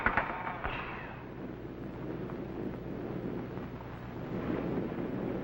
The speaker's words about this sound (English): Captain, look at him. He sure doesn't like the thunder and lightning.